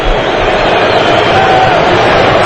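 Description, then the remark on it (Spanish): A huge stadium crowd at a football match between Morocco and a Scottish team roars in a dense, continuous wash of booing and whistling aimed at Achraf Hakimi as he takes a corner, loud and sustained throughout with no let-up, filling the whole space. “Y ahora córner en el otro lado, abucheos otra vez y pitos para Achraf Hakimi.”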